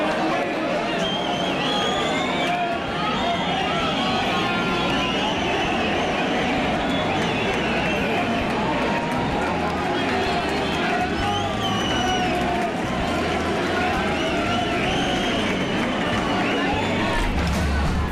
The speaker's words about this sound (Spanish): Esos aplausos son en el momento, sí, en el que ese chopo se pone en vertical.